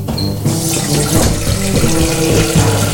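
Water gushes steadily from a tap into a bowl, a continuous splashing rush that starts after a brief pause and keeps going, with a faint hollow ringing as it fills.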